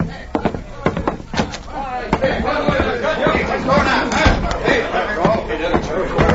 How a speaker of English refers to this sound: Mercy on us, what's that? Oh, probably just a fight. There's a saloon just two doors down. It ain't unusual.